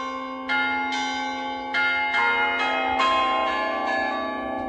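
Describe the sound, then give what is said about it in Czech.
The bells of a small rural chapel in Loučka u Vizovic, Czech Republic, ring out overhead in overlapping, sustained peals, each new strike layering over the lingering hum of the previous ones, loud and resonant with no voices. “Tak ta stavba je taková jako docela malá, je to venkovská kaple s centrálním oltářem, je poměrně převýšená, docela nezvykle převýšená, sahá pohled až někam do nebe, až někam k Pánu Bohu, přes ty zvony, které jsou nad náma.”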